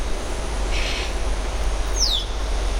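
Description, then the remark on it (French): A yellow-headed parrot in a temperate forest gives a single piercing whistle that slides downward, preceded by a brief raspy chirp, both heard over a steady low rumble of outdoor ambience. “Le chant des grillons et le sifflement perçant d'un perroquet à tête jaune.”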